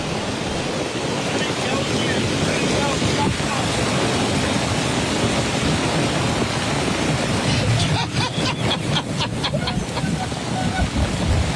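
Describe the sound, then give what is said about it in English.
Pouring rain on a golf course, where people try to push a stuck golf cart up a hill, roars steadily and loudly from start to finish. It is a dense hiss with a wind-like rumble underneath and a brief patch of sharper pattering near the end. “It's pouring rain, and it looks like his buddy's trying to help push a cart up a hill.”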